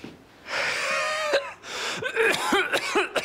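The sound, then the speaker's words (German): Heavy breathing in and out through an open mouth, as instructed during a doctor's examination: one long, loud, raspy breath followed by a quick series of short, harsh gasping breaths, some carrying a wheezy, whistling tone. “Starkes Atemgeräusch.”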